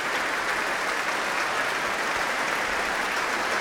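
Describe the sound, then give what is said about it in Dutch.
Sustained, dense standing-ovation applause from a large audience in the Main Hall of the Concertgebouw in Amsterdam, after the Concertgebouw Orchestra under Klaus Mäkelä played Berlioz's Symphonie fantastique; steady and loud throughout with no voices standing out. “En een staande ovatie hier in de grote zaal van het Concertgebouw in Amsterdam.”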